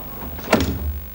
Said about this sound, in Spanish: Tiempo atrás, Paul llega a casa de Cristina. Ella abre la puerta en camisón. Hola. Paul entra en la casa.